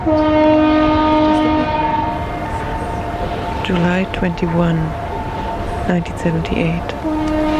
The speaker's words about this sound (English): I am at Brockton Point. That's the Brockton Point foghorn.